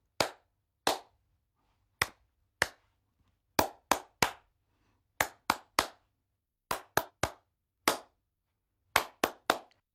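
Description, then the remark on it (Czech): Sharp hand claps ring out alone in short rhythmic groups, roughly twenty crisp claps across the stretch with brief pauses between phrases, a song's rhythm being clapped out for a listener to repeat. “A my si ho budeme zkoušet tleskáním. Já zatleskám a ty to zkusíš zopakovat.”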